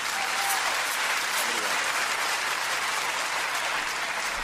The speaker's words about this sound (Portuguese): Aquele aplauso para si. Aquele aplauso para ele.